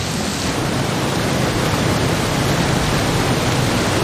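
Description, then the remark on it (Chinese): Steady, dense rain of the arriving rainy season falls on drought-parched land. It pours down with an even, unbroken hiss that stays loud and constant throughout, with a low rumbling undertone and no voices. “终于，雨季的来临让干旱得到了缓解，雨水滋润了干渴的大地。”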